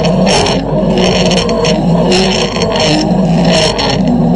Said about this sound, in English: Okay, so there's our zip line. The next time you hear zip line, with thanks to zipa.ie over in the zip line Dunedin Forest Park